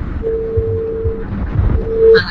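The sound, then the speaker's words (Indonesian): A telephone busy tone on phone line one as a radio host tries to take a call: a steady mid-pitched beep lasting about a second, a short gap, then a second beep, heard over a low rumbling background noise. “Yang masuk malah tutut.”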